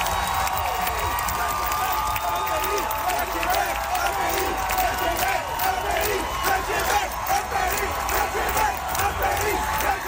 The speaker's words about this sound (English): as the song ended and the applause swelled, some people in the crowd began to shout.